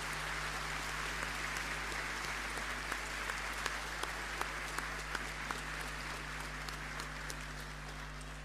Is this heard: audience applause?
yes